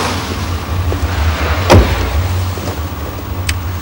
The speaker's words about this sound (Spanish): sube al coche.